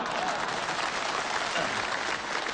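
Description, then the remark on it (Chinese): Steady, dense applause from an audience, a continuous wash of many hands clapping at even loudness throughout, with no break or rise. “朋友们， 这鼓掌的这都是非常了解情况的。”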